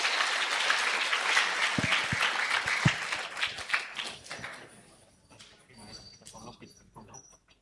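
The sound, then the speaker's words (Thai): A crowd applauds the president of the Nakhon Ratchasima blind association at a seminar for blind people from across Thailand, with dense, sustained clapping for about five seconds; then it thins out and fades to a few scattered claps at the end. “ขอเสียงปรบมือให้ท่านนายกเราด้วยนะคะขอบคุณค่ะ”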